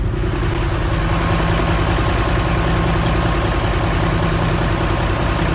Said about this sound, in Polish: Widzimy się za chwilę już na pokładzie kolei wąskotorowej. Słyszą już Państwo na pewno silnik naszej lokomotywy, która zawiezie nas w drogę powrotną do Piaseczna